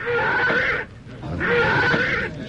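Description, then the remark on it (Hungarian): A spooked horse bolts and throws its rider, crying out in two loud, harsh, drawn-out squeals separated by a brief pause, with no voices. “Nézd csak, Jusszuf lova megbokrosodott, levetette gazdáját.”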